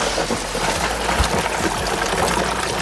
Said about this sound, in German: Kommt Wasser rein.